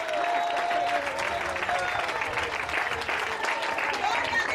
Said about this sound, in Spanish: ¿Cuántos alaban al Señor en esta hora? Denle fuerte ese aplauso si es para él.